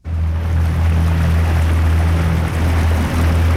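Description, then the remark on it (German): A small boat heading out from the boat harbour at Sursee onto Lake Sempach (Sembacher See), canton of Lucerne, on a windless, sunny day with a mirror-smooth lake: its motor drones steadily, a low humming engine note over a constant wash of water and spray, with no voices. “Wir sind unterwegs mit einem kleinen Boot vom Bootshafen Sursee aus, raus auf den Sembacher See.”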